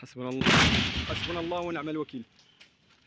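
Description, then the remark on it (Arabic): A loud, sharp burst of intermittent gunfire rings out near the start, with a shouting voice over and around it, then a brief quieter crack follows before the sound drops off, during army sweep operations in the towns of Kafriya and al-Fu'ah. “رداً على ذلك، فقد دفع الجيش بتعزيزات عسكرية إلى بلدتي كفرية والفوعة، حيث جرت عمليات التمشيط وسط أصوات إطلاق نار متقطع في خطوة وصفتها المصادر بأنها محاولة لفرض سلطة القانون.”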